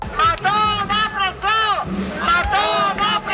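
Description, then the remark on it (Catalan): A crowd of protesters at a demonstration by associations of DANA flood victims in València chants in unison, loud, rhythmic voices rising and falling in repeated phrases, with a brief dip before the chant surges again. “A València, un crit que és ja un clàssic. Nova manifestació de les associacions de víctimes de la Dana.”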